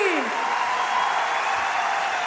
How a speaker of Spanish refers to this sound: fuerte ese aplauso